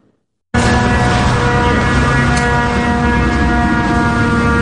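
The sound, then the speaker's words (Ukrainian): A steady, droning engine hum of Shahed attack drones passing one after another over a city centre, with strong low tonal harmonics and a rough buzzing texture, holding loud and constant after a sudden start. No voices are heard. “На середмістям один за одним гудуть шахеди.”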